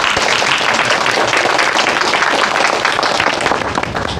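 An audience at the ribbon-cutting opening ceremony of the Zhen Taoyi pottery shop applauds steadily for about four seconds to welcome a speaker, a dense, loud wash of many hands clapping at once that holds level and eases off only slightly at the end, with no one speaking.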